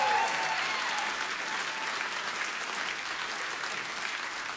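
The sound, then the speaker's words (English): A crowd at a live show applauds and cheers steadily for the drummer being introduced, dense clapping with scattered shouts and whoops, holding at a strong, even level for several seconds before easing slightly. “Y'all need to scream loud in there.”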